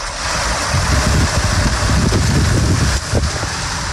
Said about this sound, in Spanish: Así caía el granizo en la zona de Lardal, en Mula, Murcia.